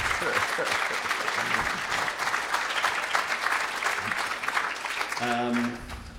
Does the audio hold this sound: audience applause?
yes